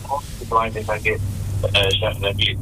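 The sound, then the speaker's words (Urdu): A listener's phone call connects on air during a radio program: a thin, telephone-filtered voice speaks in short bursts over a steady low electrical hum and faint line hiss. “سامعین کال آ رہی ہے, کال دیتے ہیں.”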